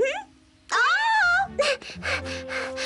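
A young one cries out in long, rising and falling wails, then breaks into a run of short, sobbing whimpers, fairly loud, with no talking.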